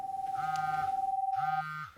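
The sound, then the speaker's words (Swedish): A Rakel emergency radio terminal, used by Swedish police and rescue services, sounds an alarm as a call comes in: a loud, steady electronic beep for well over a second, with two buzzier pulsing tones layered over it, then cuts off abruptly. “När larmet går så piper den här och låter väldigt högt.”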